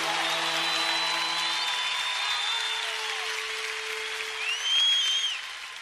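Loud, sustained applause from a crowd after a saxophone performance, a dense steady roar with a lingering low note fading early on and a few sharp whistles near the end.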